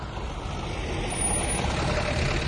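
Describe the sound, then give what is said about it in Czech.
A truck engine rumbles steadily, a dense low drone that holds throughout and swells slightly partway through, with no voices present. “Ale vízo, nakladné auto.”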